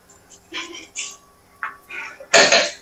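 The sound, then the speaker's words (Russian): A cupboard door creaks in a few short, scratchy bursts with brief pauses between them, ending in one louder, rougher squeal. “Нет, это у меня дверца шкафа так.”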